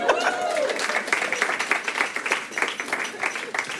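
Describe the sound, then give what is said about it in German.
A stand-up comedy audience applauds steadily for the first comedian, many hands clapping in a dense, continuous patter that holds fairly loud throughout, with a brief voice or cheer blending in near the start. “Hier ist unser erster Comedian, macht einmal Applaus.”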